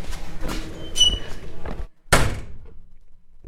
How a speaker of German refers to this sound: An der Schule angekommen, geht die Tür auf.